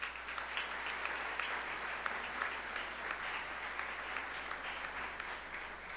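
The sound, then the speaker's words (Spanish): Steady audience applause at a parish gathering, thanking visiting groups, fills the whole stretch: a dense crackle of many hands clapping at once, loud and sustained without letting up, with no voices standing out above it. “Fuerte el aplauso igual.”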